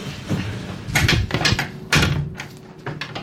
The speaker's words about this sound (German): Ah, okay, jetzt sucht er an allen möglichen Orten. Das klang gerade irgendwie wie ein, nee, nicht wie ein Kleiderbügel, aber Geschirr vielleicht, ja. Schrank, ja.